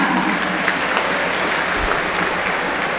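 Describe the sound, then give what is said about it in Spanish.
Light, scattered, timid applause rises from a large football stadium crowd for player Fausto Vera, number 15, as the team lineup is announced, a steady wash of clapping over a low crowd murmur, with no voices speaking. “Tímidos aplausos para Vera.”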